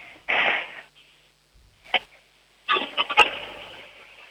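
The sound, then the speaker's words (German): A toilet flushing for a children's radio sound game: a short hiss of rushing water, a brief clunk, then a longer, louder surge of gurgling water with a few sharp knocks, fading at the end. No one speaks. “Ja, das hat nach Klospülung geklungen.”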